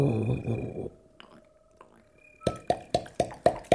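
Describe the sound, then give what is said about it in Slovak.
A woodpecker knocks in a quick series of about seven sharp, loud raps with a steady rhythm, following a short stretch of someone talking and a quiet pause. “Počula si to? Ha, to bude ďateľ.”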